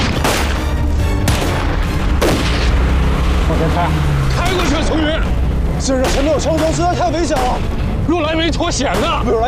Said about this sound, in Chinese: 现在前面有枪声，实在太危险了。